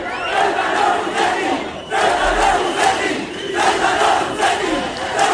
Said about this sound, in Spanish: Con el peligro que eso tiene, marchas, cánticos, concentraciones. Ayer cientos de manifestantes rodearon el hotel donde se alojan los ministros del gobierno que acuden a la ciudad al grito de traidor en el caso del ministro Torres.